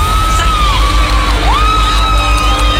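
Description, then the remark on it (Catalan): A large crowd on the beach of Palmes cheers and shouts together outdoors during a solar eclipse, a steady loud roar with rising and falling yells and whoops carrying over the continuous din for the whole stretch. “La platja de Palmes, crits”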